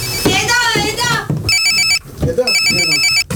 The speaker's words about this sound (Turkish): Telefon! Kim?